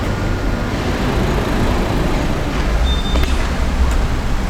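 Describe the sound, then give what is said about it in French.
Steady rumble of road traffic, with cars passing continuously and a broad low-frequency roar that stays fairly constant throughout, no voices heard. “Ouais, je sais pas s'ils se méfient pas des bagnoles, tu vois.”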